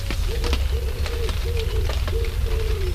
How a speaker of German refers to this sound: Zum Trost höre ich das Vogelgezwitscher, die Vögel, die sich in den frischen Pfützen ein Bad gönnen.